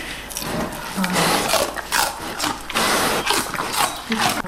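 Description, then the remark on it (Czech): Two bears crunch and chew stalks of celery being fed to them in their enclosure, a steady run of wet, snapping bites and rubbing crackles filling the whole stretch with no pause. “Už pěkně chroupají.”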